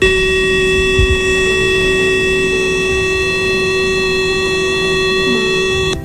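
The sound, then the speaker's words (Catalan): A loud, steady siren holds one unbroken tone for about six seconds before cutting off, the all-clear signal that marks the end of an alert, with no voices over it. “Quan finalitzi l'alerta, sonaria això.”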